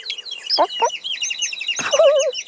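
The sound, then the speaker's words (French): A hen clucks in short bursts, mixed with a busy chorus of high, thin chick peeps chirping continuously, fairly loud, with no talking. “La maman poule arrive et derrière elle, il y a tous les frères et sœurs du petit poussin jaune qui la suivent à la queue leu-leu.”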